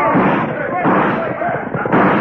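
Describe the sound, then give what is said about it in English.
Loud, dense gunfire crackles and booms in a chaotic burst, with shouting voices mixed into the continuous din of a shootout as a gang of road agents swoops down on a town to rob a Wells Fargo gold shipment. “And then they swooped down, guns blazing.”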